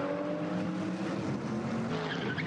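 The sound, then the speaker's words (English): A race car engine drones steadily in the morning in the Eifel, its pitch shifting slightly, with a brief high tyre chirp near the end as the differential spools up while the car turns right. “That's as much as the diff spooling up as he turns right”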